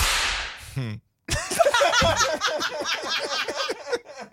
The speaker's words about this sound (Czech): rána bičem